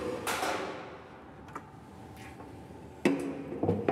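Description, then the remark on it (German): Lloyd, a polar bear, rattles a metal slide gate: several sharp, ringing clanks and bangs at uneven intervals, a loud one early and a louder cluster near the end, over low background noise. “Dass der Eisbär mit dem Schieber scheppert, ist eher ungewöhnlich.”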